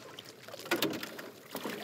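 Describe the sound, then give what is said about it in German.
A small boat on the largest lake of the capital, with a father and daughter aboard: steady soft water wash against the hull, with two brief splashes of an oar or paddle stroke about a second apart. No one talks. “Mehrmals pro Woche sitzen Vater und Tochter in einem Boot auf dem größten See der Hauptstadt.”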